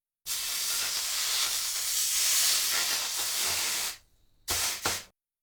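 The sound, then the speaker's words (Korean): A loud, steady hiss of a heated pot set on a dishcloth soaked in water to cool it slightly sizzles for about four seconds, drops off briefly, then flares in two short bursts before cutting out. No one speaks. “온도가 내려갔을 때 다진 고기를 넣어야 하므로 물에 적신 행주 위에다 달구어진 냄비를 올려놓고 조금 식힙니다.”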